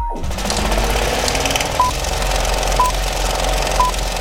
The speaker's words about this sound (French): Une nuit d'été, des voitures qui tournent sans aller nulle part